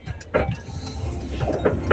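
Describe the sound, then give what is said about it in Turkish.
An old car, heard in a voice message a listener sent from inside it, rattles and clatters as if about to fall apart, with irregular knocking bursts over a steady low engine rumble, moderately loud. “Evet, biraz önce bir dinleyicim aracından sesli mesaj gönderdi ama araç takır tukur takır tukur dökülmek üzereydi.”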